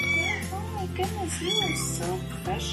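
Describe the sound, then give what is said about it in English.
Tiny neonatal kitten mews repeat in a quick, insistent series, high-pitched, over a steady low background hum. “Caring for these guys is a 24/7 operation, because neonatal kittens, especially the ones that are under 4 weeks old, they need care anywhere between every 2 to 4 hours.”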